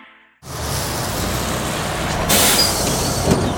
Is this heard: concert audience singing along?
no